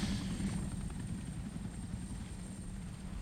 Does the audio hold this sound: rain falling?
no